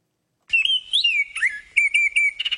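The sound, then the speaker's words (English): A songbird chirps in a string of bright, warbling whistled phrases, several short bursts in quick succession, fairly loud, with no voices around it. “Toronto is home to hundreds of bird species, and many of them are hanging out around Colonel Samuel Smith Park in Etobicoke.”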